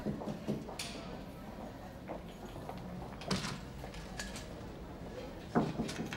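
A few soft, hesitant knocks on a wooden door, spaced irregularly with pauses between them, quiet and close by against a faint room hum.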